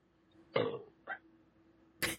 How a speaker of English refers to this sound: Aw, I wish I could burp right back at you. I just don't have it in me right now.